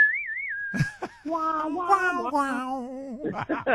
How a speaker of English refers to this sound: In the Night of the Proms also, where I had the whole audience whistling along.